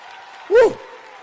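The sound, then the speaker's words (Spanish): An audience claps steadily in a continuous wash of applause for the Lord during a sermon, with one brief voice cry rising loudly above it in the middle. “Ese aplauso al Señor.”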